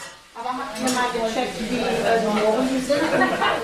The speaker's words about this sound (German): Der brutzelt gerade Lachs mit Sesampanade im Herzhaus, einem Reha-Zentrum in Berlin.